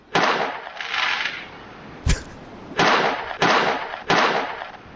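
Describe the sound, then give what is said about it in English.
A string of sharp fireworks bangs, five loud cracks spaced roughly half a second to a second apart, each followed by a rumbling, crackling tail that fades out. No one speaks. “Sounds like fireworks.”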